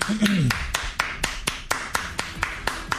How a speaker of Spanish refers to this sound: Bueno, gracias. Déjale aplauso.